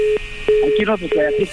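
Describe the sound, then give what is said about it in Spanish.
A steady telephone dial tone hums after a hang-up, broken by several sharp clicks, while muffled voices talk over it. “¡Ya nos colgó el teléfono!”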